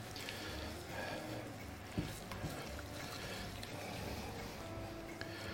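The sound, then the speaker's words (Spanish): Asparagus broth from a small can is poured into a hot pan with flour in it, raising a steady sizzle and bubbling that runs throughout, with a couple of sharp utensil clicks near the middle. “A ver, cojo la latita de espárragos y le ponemos todo el caldo.”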